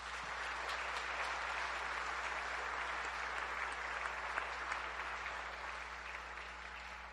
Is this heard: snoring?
no